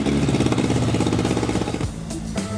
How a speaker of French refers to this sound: Et voilà un moteur qui ronronne.